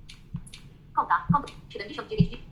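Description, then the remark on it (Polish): A few short, soft TalkBack screen reader interface clicks, spaced irregularly, heard alongside quick speech-like synthetic voice fragments at moderate level. “No, to jest klikanie w talkbacku, tutaj Joshua działa dużo lepiej.”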